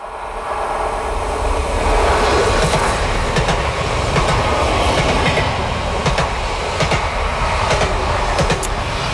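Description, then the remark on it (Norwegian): A train rumbles steadily along the tracks of Norway's Dovre Line on the journey between Oslo and Trondheim, with a dense low roar and periodic rhythmic clacks of wheels over rail joints, sustained and fairly loud throughout with no voices. “Ja, lyden av toget, dere.”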